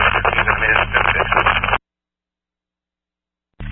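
A burst of harsh, band-limited radio static crackles for under two seconds, cuts to silence, then a brief second burst starts at the very end.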